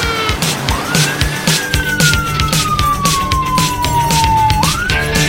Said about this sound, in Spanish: Un coche patrulla de la Guardia Civil sale tras ellos.